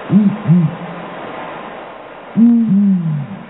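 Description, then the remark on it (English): Deep, resonant hoots from a male and female pair of the world's biggest owls, with six-foot wingspans, in a tight synchronized duet: the male starts and the female responds immediately; a pair of short hoots, a pause, then a longer overlapping phrase, fairly loud with no other sounds. “It's so synchronized that most people that hear it assume it's one bird.”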